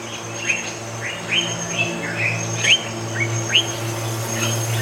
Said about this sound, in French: Le chant de l'aigle revient.